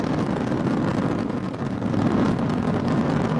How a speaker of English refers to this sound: 2, 1, ignition, and liftoff. Go Falcon, go Dragon, and go Crew 13. Crew 13 carried by Dragon Brace to the International Space Station. Copy, 1 Alpha. All 9 Merlin engines on the first stage at maximum thrust of 1.7 million pounds.